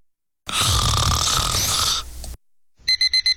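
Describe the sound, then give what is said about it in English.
A single long, loud, rasping snore with a rumbling low end from a person napping, followed after a short pause by four quick, high-pitched beeps of a 30-minute timer. “Have you ever woken up from a nap like this?”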